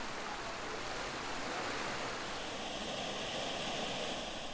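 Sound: spring water flowing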